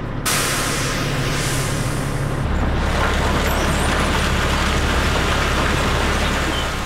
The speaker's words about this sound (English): Together, we tailed a 20-ton coal truck making the rounds. It's frigid February as we follow it to Upper Fruitland near Farmington, New Mexico.